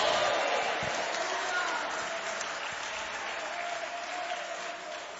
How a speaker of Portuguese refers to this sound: Isto, com muita alegria, vamos aplaudir ao Senhor. Vamos dar glória a Deus.